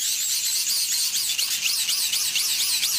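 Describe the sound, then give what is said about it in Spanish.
A rotating garden lawn sprinkler turns as it sprays water to irrigate the grass, a steady, bright hiss with a fluttering, wavering texture, running continuously at an even level with no talking. “Es un aspersor de estos que hay en los jardines para regar el césped o los jardines, que van girando, va saliendo el agua y van haciéndose ruido, sí, tal cual.”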